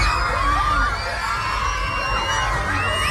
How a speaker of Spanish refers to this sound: Son los gritos de los niños de un colegio que han sentido el fuerte temblor